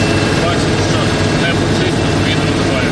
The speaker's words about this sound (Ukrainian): Не буду приховувати, ми нервуємо, хоча їдемо в броньованому хаммері, який обварений решітками та ланцюгами. Над нами антидронові сітки, а ще включене ребне подавлення сигналу та детектори дронів в руках.